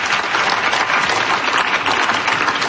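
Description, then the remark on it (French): Steady applause from an audience fills the whole moment, a dense, even wash of many hands clapping at a constant, fairly loud level with no voices over it. “On vous applaudit assurément.”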